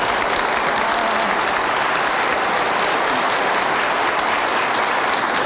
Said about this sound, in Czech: Já jsem to tak rychle stačil spočítat, tleskal jeden muž, ostatní no, všechno pak, ženy.